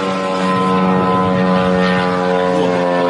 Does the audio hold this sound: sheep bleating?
no